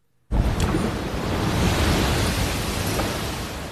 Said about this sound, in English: I'm not sure if you could see that as it happened, but a huge tide just came in that shook the entire ground where I'm at right now.